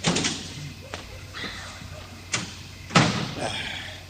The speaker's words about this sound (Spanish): Bien, cierro la puerta. Eso es, y la llave quito, Que no se vea que hay gente aquí.